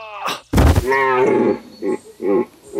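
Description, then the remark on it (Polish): A sharp thud gives way to a deer's loud, drawn-out bellow, followed by two shorter, lower grunting calls, with no talking. “No co, jeleniu?”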